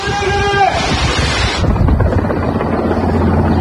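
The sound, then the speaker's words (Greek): A firefighting helicopter's rotor drones loudly during repeated water drops over a forest fire near Çandarlı, İzmir, Turkey, in strong winds. Its low rumbling thud pulses beneath gusty wind noise, with a brighter, hissing wash in the first half that abruptly gives way to deeper, steady chopping. “Ελικόπτερα και αεροσκάφη πραγματοποιούσαν συνεχείς ρήψεις νερού, που ενώ δεκάδες πυροσβεστικά οχήματα επιχειρούσαν στο έδαφος για να περιορίσουν τη φωτιά που ξεκίνησε από αγροτική έκταση και εξαπλώθηκε γρήγορα λόγω των ισχυρών ανέμων.”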